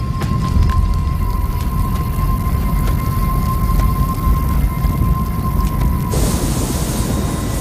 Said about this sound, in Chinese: 又过了几周，卡塔维国家公园的旱情进一步恶化。远处的风暴没有带来雨水，而闪电却点燃了干燥的草原。